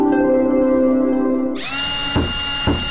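A power drill whirs with a steady, low motor hum, then revs up into a loud, high-pitched whine. Two short bursts of grinding punctuate the whine, with no voices.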